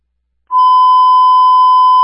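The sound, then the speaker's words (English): A fire department radio dispatch alert tone: one loud, steady electronic beep held at a single pitch for about a second and a half, starting abruptly after a short silence, with no voices, preceding the dispatch of engine 3 to a fire alarm activation. “Dispatch.”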